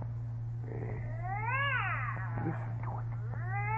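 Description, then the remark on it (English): A cat behind a door caterwauls in long, wavering yowls that rise and fall in pitch, loud, over a steady low electrical hum with no voices. “And I'm telling you, that cat, you got an ill violating the city ordinance. Now, if you don't make it shut up, disturbing me,”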